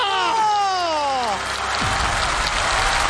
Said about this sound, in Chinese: 再来一个， 要掌声啊！ 掌声！